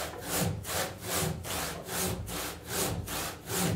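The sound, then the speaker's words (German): A very thin hand saw cuts carefully through wood in even back-and-forth strokes, about six or seven raspy passes at a regular rhythm, with no voices. The cut is made so that the piece can be glued back together. “Und deshalb haben wir die Säge bestellt, so eine ganz dünne Säge.”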